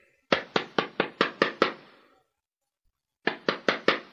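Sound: knocking on a door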